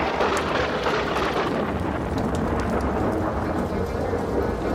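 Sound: thunderstorm with rain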